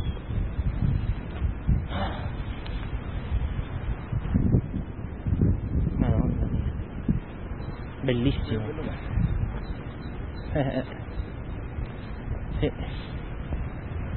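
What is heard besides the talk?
river flowing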